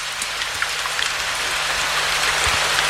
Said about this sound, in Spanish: Escuchen el ruido de la lluvia.